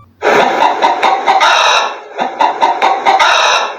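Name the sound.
hen clucking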